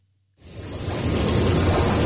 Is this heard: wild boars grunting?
no